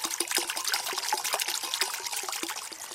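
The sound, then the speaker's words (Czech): Water babbles and splashes steadily past a small metal water wheel at a sacred site in the Maternice woods near Hronov, with quick repeated dripping plops and a bright, bubbly hiss. No one speaks. “Takhle krásně, tady žbluňka nebo zurčí voda, je tady takový kovový mlýnek a my už jsme na bohlibém místě.”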